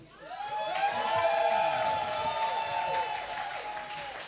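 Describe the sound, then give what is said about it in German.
An audience breaks into sustained applause with cheering voices, steady and fairly loud throughout, with some whooping and shouting rising over the clapping. “Bitte einen großen Applaus für ihn.”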